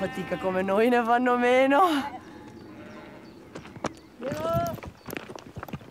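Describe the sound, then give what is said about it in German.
Irregular clicks and clatters of sheep hooves on a narrow, stony mountain path on the way up to an alpine pasture, the sheep now and then kicking loose stones, with a loud wavering sheep bleat at the start and another bleat midway. “Diese Passage ist etwas gefährlich, weil die Schafe immer mal wieder Steine lostreten.”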